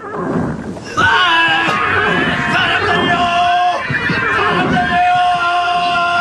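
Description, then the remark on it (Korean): Several horses whinny and neigh at once in a loud, chaotic tangle of high wavering cries, layered over a rumbling crowd of shouting voices and commotion: the horses of a charging force of 900 chariots crash into a mud pit and struggle to rise, while soldiers pinned under overturned chariots scream. “돌격해오던 900대 마차부대는 그대로 진흙구덩이에 처박히면서 울부짖음과 비명이 한데 오로집니다.”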